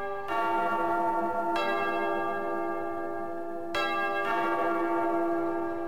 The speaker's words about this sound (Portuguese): De novo, toca o sino.